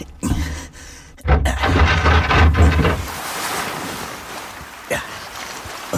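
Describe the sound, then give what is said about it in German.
Rushing ocean waves wash and break continuously on a cold, moonlit night, with a heavy low rumble like wind buffeting the microphone and occasional sharper splashes, no voices present. “Der Mond spiegelte sich riesengroß und silbern auf den Wellen.”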